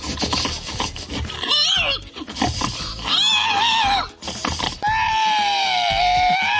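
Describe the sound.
A person at a pig-imitation contest in Estonia imitates a pig, loud rapid grunts and snorts breaking into high wavering squeals, ending in a long sustained shrill squeal.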